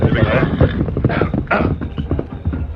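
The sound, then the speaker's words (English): The Lone Ranger's horse, Silver, whinnies loudly over a steady, dense clatter of hoofbeats, busy throughout, with a sharper rising neigh partway through. “The Lone Ranger immediately saddled his horse, Silver, and rode with Tonto to Needle Pass, scene of the gold robbery.”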